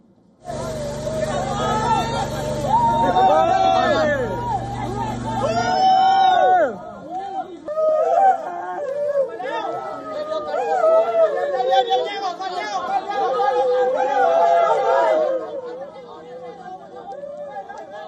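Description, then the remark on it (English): A large crowd of villagers cheers and shouts as rescued men are brought out at a rescue site around 3 p.m. local time, many voices overlapping in a loud, continuous hubbub, with a low engine rumble beneath it for the first few seconds. “Now, according to the rescuers, the men were brought out at around 3 p.m. local time amidst cheers from the crowds.”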